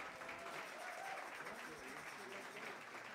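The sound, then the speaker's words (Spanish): Steady applause from a crowd, a dense continuous patter of many hands clapping at even loudness for a few seconds, with some voices mixed in beneath. “aplauso. Muchas gracias.”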